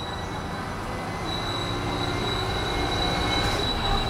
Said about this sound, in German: Mit dem Bummelzug zur Endstation, dort 5 Minuten Umsteigezeit.